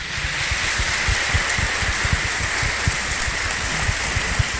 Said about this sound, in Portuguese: A ele e a todos nós, uma bonita e carinhosa salva de palmas.